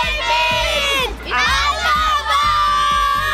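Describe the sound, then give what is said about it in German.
A loud crowd of children shouts together on request at an event with footballer David Alaba, a sustained, high-pitched roar of overlapping voices dipping briefly twice before surging back up. “Rufen wir nochmal gemeinsam.”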